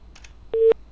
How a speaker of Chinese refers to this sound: 电话已经播出，我们共同耐心等待。